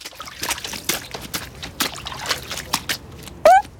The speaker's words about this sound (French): Toudoux traverse la flaque en traînant ses bottes en caoutchouc dedans.